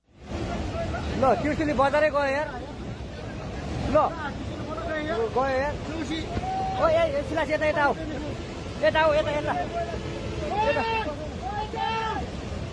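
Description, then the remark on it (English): Smartphone recording of flash floodwater from Tibet surging through a town in Nepal and sweeping away a bridge: a steady, loud roar runs the whole way through, with many people shouting and calling out excitedly over it, their raised voices rising and falling. “Well, that video recorded on a smartphone, you can see water surging through a town, sweeping away a bridge.”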